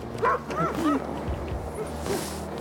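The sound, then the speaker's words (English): Several sled dogs bark and yip excitedly, with short overlapping high-pitched calls bunched in the first second, then scattered yelps over a steady noisy background. “It's cool to meet the dogs. Like, so energetic.”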